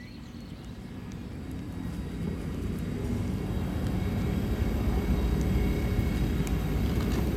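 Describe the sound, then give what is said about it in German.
A deep, steady mechanical rumble builds gradually and then holds as trains roll into the station in Basel, Switzerland, shortly before 11 o'clock, all arriving at about the same time on the hour. No voices are heard. “Es ist kurz vor 11, das heißt, hier in Basel fahren jetzt gleich die Züge ein.”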